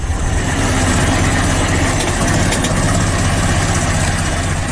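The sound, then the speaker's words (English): A modern recording of a Ford Model T car engine, a model that debuted in 1908, idling loudly and steadily, a dense mechanical rumble with a rapid low chugging pulse and rattling overtones, continuous throughout with no voices. “That loud mechanical rumble is a modern recording of a car that debuted more than 100 years ago.”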